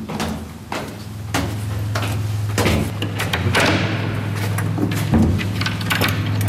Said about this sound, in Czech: Pan poslední otevírá dveře.